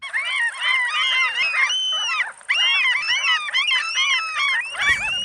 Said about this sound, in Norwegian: Når jeg spiller disse måkelydene her, så tenker sikkert noen av dere på sommer og sjø og ferie, fred I sjela og hvilepuls. Andre får sikkert høypuls og tenker måkeangrep, bæsj I håret og frekt mattyveri på høylys dag.